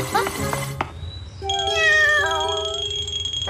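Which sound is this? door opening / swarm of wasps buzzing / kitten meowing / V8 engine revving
kitten meowing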